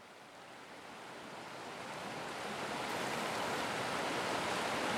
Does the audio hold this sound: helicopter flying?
no